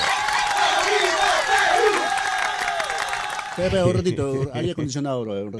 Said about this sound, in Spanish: Aplauso.